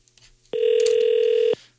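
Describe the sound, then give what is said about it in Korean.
A single one-second burst of a steady, mid-pitched telephone ringback tone, as heard by a caller while an outgoing call rings, placed to a listener's youngest sister-in-law. It is loud and even, with faint background noise before and after. “네, 한번 전화를 해볼게요.”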